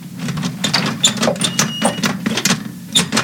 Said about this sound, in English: Oh, this is ridiculous. I'm opening the door.